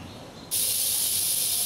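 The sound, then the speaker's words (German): Snakes rattle with excitement as a warmed feeder animal is presented to them: after a brief quiet moment, a dry, hissing buzz starts abruptly and holds steady and loud, with no voices. “Ja, da klappert ihr vor Aufregung, ne?”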